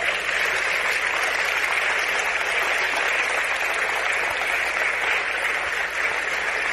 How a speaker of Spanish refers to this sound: Den un aplauso fuerte al Señor.